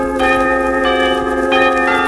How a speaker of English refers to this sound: And some of the drummers played bells.